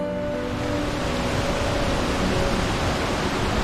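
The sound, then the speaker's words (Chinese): Steady, dense roar of a waterfall at Dehang in Xiangxi, China, rushing water filling the whole clip at a constant loud level, unbroken, with no voices. “寻波和卓阳在德夯收集到了两种不同的声音，阿婆的棒槌是日子， 对， 瀑布的水雾是天地。”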